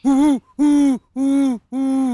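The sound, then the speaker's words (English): A naturalist at the Greenbrier Nature Center in Sandwich imitates a great horned owl with four loud, drawn-out hoots, evenly spaced, each separated by a brief silence. “So out here, there's great horned owls.”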